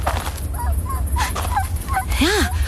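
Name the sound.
dog whimpering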